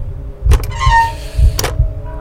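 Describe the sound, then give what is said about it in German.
An old, rusty iron door handle squeaks in a thin, wavering squeal lasting under a second, framed by dull clunks of the latch, fairly loud with no voices. “Das rostige Quietschen erschien mir lauter zu sein als das Pulsieren meines Blutes, das mir durch die Ohren rauschte.”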